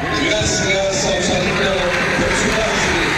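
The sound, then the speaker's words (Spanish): Stadium crowd applause at Estadio Sausalito in Viña del Mar, Chile, following a minute of silence, a dense, steady wash of many hands clapping at once, loud and unbroken for the whole stretch, with a faint murmur of voices mixed in. “Sigue los aplausos en el estadio Sausalito tras ese respetuoso minuto de silencio.”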